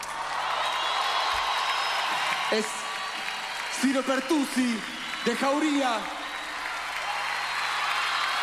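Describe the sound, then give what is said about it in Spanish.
An audience applauds steadily throughout, a dense wash of clapping and crowd noise, while a man speaks briefly over it through the middle. “Quiero que le den un fuerte aplauso, loco.”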